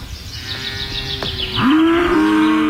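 A cow lets out a loud, drawn-out moo that rises and holds, with a fainter lowing and bird chirps in the background before it.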